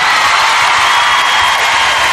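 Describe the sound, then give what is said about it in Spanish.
A large audience in London applauds and cheers as a singer is introduced, a loud, dense wash of clapping that stays steady and unbroken throughout, with no one speaking over it. “Con todos vosotros. Fuerte el aplauso”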